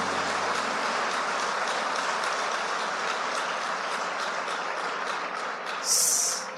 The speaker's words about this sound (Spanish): Y dele a él aplausos por eso.